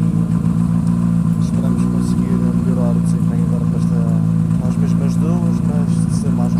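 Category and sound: vehicle, car engine running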